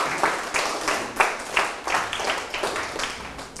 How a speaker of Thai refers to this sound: นั่งลงให้ปรบมือให้เพื่อน